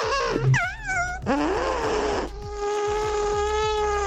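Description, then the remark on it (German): A person imitates a real elephant with their mouth for a radio station bet, giving loud, buzzy trumpet-like blasts that swoop up and down in pitch, then settling into a long, steady droning tone. “Und da haben wir diese Woche gewettet, dass wir niemanden finden, der mit seinem Mund einen echten Elefanten nachmachen kann.”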